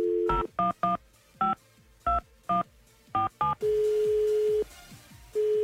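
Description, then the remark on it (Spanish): A quick series of about eight electronic keypad tones as a phone number is dialed to call someone's father, followed by a steady ringback tone on the line, with a brief gap before it resumes. “Dame su teléfono, por favor. 476-132.”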